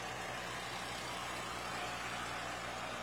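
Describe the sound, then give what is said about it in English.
A vintage farm tractor engine runs at a steady idle, a continuous low rumble with a broad mechanical hiss on top, unbroken, with no voices. “And we even have a few more non-registered tractors getting in to round things out here.”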